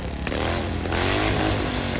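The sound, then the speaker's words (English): A motorcycle engine revs loudly, its throaty rumble swelling into a stronger roar partway through and holding steady to the end, with no voices. “Bikers are revved up”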